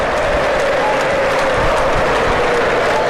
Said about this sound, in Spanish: Llegan los aplausos, la afición se enciende, quiere más.